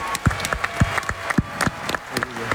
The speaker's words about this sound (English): Giannis, Thanasis, you guys did that this summer, winning, get ready for a round of applause here, winning a bronze medal for the country.